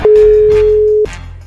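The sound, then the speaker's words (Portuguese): A single steady electronic telephone ringback tone sounds for about a second while a call to the caller's mother connects, loud, with faint room noise and a brief breathy sound around it. “Vamos ligar, ver se ela tá ouvindo.”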